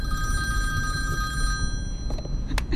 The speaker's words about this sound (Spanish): No iba a contestar. Quería ver quién es. Va a entrar una llamada del banco.